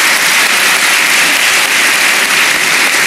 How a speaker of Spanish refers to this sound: Y como lo señalé, el expresidente Piñera lo dijo y lo resumió en una frase que vale la pena, le damos un aplauso también al presidente Piñera, que en paz descanse.